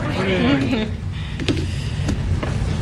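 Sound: door opening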